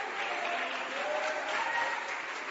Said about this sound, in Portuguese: Palmas.